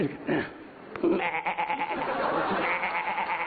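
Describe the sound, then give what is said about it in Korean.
A person imitates a baby goat's bleat with a wavering, high-pitched, nasal cry that quivers steadily for a few seconds, fairly loud. “요거는 새끼 염소 소리고, 야.”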